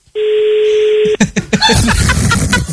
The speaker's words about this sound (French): Non, là, il sonne. On va voir si la personne répond. Ça sonne, ça sonne. Est-ce qu'ils répondent?